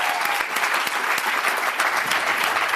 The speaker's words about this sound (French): Je vous remercie tous et je vous invite à applaudir très fort la Vénus électrique.